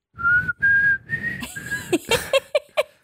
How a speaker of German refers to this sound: Wow, ey, du hast richtig gut gepfiffen. Boah, ich war mir gerade gar nicht mehr sicher, ob du es wirklich bist oder ob's. Nee, der Song läuft auch weiter.